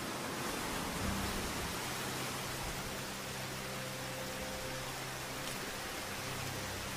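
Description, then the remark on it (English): A steady, dense downpour hisses continuously throughout, a heavy tropical rain shower in the rainy season, with no voices and no breaks in the constant wash of noise. “As tropical showers are hardly pleasant, the best way of dealing with the”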